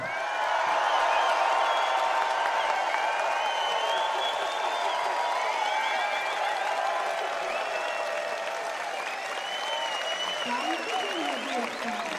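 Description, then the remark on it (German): A large audience claps and cheers loudly and steadily for about twelve seconds as a woman guest is announced, with excited shouts and whoops rising over the dense, continuous applause. “Ich denke, ich sage jetzt ihren Namen, dann klatschen wir ein paar.”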